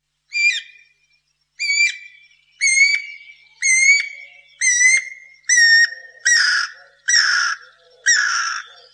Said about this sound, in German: der Vogel heißt Guirakukuk, ist also ein Kuckuck.